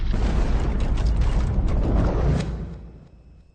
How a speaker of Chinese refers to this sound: 但是从看不见的地方，一发火箭弹拖着长长的烟迹飞来。爆炸！